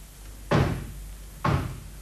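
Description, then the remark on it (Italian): Two heavy knocks on a door, about a second apart, each a loud, resonant thud that rings out briefly before fading, with no voices. “Senti, bussano alla porta.”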